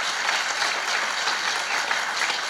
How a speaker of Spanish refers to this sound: Denle fuerte aplauso por ese amor tan grande.